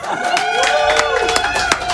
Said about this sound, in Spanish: ¡Ey, aplauso!